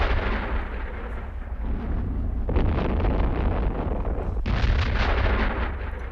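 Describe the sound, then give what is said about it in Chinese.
Sustained artillery fire rumbles steadily, a dense roll of heavy booms with a couple of sharper blasts breaking through partway in, loud and unbroken, with no voices. “那应该是炮声。”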